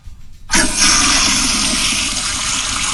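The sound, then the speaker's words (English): A toilet flushes loudly, starting abruptly after a brief quiet moment and continuing as a steady rushing whoosh of water through the end. “All right, let's do a big flush.”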